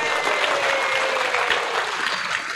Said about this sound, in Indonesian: Yang malam, jangan tepuk tangan, tunggu.